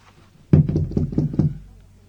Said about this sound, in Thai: เคาะประตูเรียกสิ